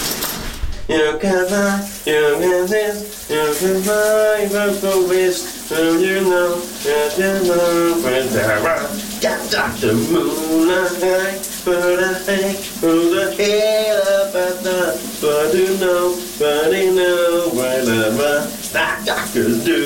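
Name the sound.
shower running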